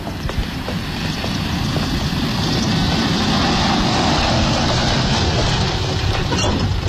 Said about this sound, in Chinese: 果然一辆汽车徐徐驶过来，停在他的身边。